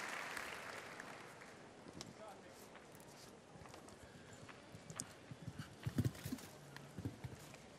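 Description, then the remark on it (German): A horse's hooves clip-clop in a steady rhythm, growing louder toward the end, over a constant wash of broad background noise like a crowd. The horse is the 14-year-old Eddie Blue, ridden by Irish show jumper Dara Kenny. “Sein Pferd ist 14, nämlich Eddie Blue.”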